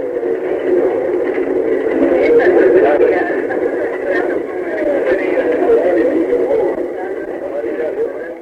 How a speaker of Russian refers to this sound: Мы входим вместе с пассажирами в крохотный вагончик, который повезет нас на вершину 390-метрового скалистого конуса, возвышающегося над заливом Гуанабара. Вы слышите, как ходит в вагончик пассажиры? Вот включены моторы, и мы мягко трогаемся с места.